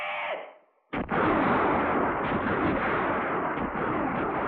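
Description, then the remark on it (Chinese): A fading sound gives way to a sudden sharp blast, then a loud, dense barrage of scattered enemy gunfire, fired by a puppet-army plainclothes squad, rumbles and echoes continuously through a mountain valley, with no voices. “山谷里只是回荡着一阵阵敌人的乱枪声，伪军便衣队队长空打了一阵，又无可奈何地收起了枪。”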